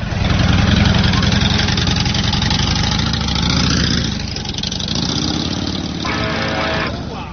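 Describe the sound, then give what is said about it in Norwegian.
A motorcycle engine runs loud throughout as it is ridden, a steady throaty rumble that dips slightly partway through and then picks back up, with no voices over it. “Hva du tenker på når du sitter der på motorsykkel og kjører?”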